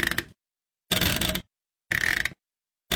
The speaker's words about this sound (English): This is the washing machine's settings knob.